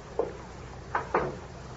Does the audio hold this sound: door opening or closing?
yes